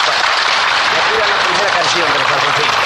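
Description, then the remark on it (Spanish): Dense, steady applause from the audience of a Paraguayan music program fills the whole stretch at an even, loud level, many hands clapping at once into a continuous wash of noise with no pauses. “Y el público con este aplauso también.”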